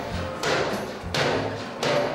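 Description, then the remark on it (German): Three heavy, evenly spaced knocks as a bear named Teddy knocks against a door, each a loud, booming thud with a short ringing tail, with no voices. “Jetzt kann auch der Rest kommen. Teddy klopft schon mal an.”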